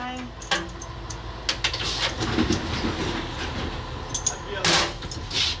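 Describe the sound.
A 1970s Fiat FCE Ade train pulls out of the station on time at 7:25 with a steady low rumble, scattered metallic clacks and clicks, and a brief hissing burst near the end, with faint voices underneath.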